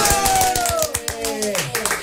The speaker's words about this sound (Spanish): ¡Aplausos!